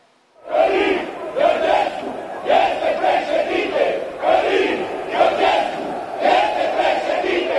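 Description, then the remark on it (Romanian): A large protest crowd in Piața Victoriei chants a slogan in unison, the loud shouted phrase repeating in a steady rhythm roughly every two seconds, with many voices blending into a rough, continuous roar. “Asta au strigat în Piața Victoriei cei pe care fermierii i-au acuzat că au deturnat protestul lor.”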